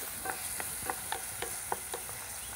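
Food sizzles in a pan with a steady bright hiss while a utensil stirs it, making about nine quick, evenly spaced scraping strokes. No one speaks.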